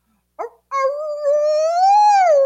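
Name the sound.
hound dog howling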